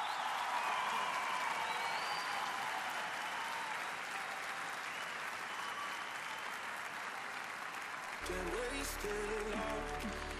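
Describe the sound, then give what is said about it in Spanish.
Sustained loud ovation from a large crowd at the Colón, dense and steady clapping with some cheering, until music with a low bass line cuts in near the end. “¡Fuerte el aplauso!”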